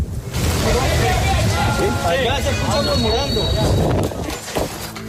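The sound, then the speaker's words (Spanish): Loud, continuous scraping and clattering of rubble being cleared by Colombian rescue teams searching for survivors in Colombia, with a high metallic squeal, while several people shout, call out to relatives and ask for silence over the noise throughout. “Son los sonidos de escombros retirándose que se entremezclan con las voces de quienes llaman a sus familiares y las peticiones de silencio”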